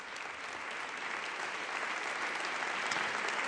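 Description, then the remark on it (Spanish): Sustained applause from an audience, a dense wash of many hands clapping at steady volume, swelling slightly toward the end with no voices standing out. “Bueno, bueno, bueno, y recibe la ovación del respetable.”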